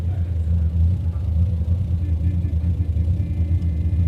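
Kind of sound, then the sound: vehicle, car engine idling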